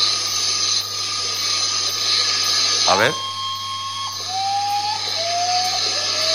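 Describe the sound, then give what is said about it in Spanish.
A common potoo (guajojó) gives its mournful call: a sliding whistled note followed by a steady tone and then two drawn-out, wavering whistles, heard over a constant hiss with a brief spoken remark. “le pusieron el nombre así, guajojó”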